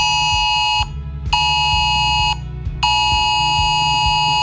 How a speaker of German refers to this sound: Das ist der offizielle Warnton.